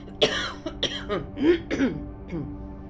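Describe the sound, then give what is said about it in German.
A fairly loud fit of coughing: several harsh, rasping coughs in quick, uneven succession, tapering off with a softer throat-clearing cough at the end. “Nochmal husten.”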